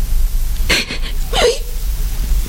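A woman sobs in two short, breathy catches, the second trailing into a faint whimper, against a low steady background hum.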